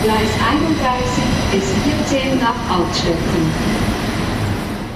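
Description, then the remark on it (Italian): A train departing from a station platform rumbles steadily and loudly, with a dense low mechanical roar and faint tonal whines, while indistinct voices murmur underneath. “mentre lasciamo il cantiere e ci rechiamo ai binari. Tra pochi istanti, infatti, parte il nostro collegamento.”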